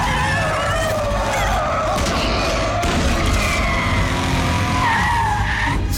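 A car skids loudly across pavement, tires squealing with wavering high-pitched tones over a rumbling engine, lasting several seconds before settling, intense throughout.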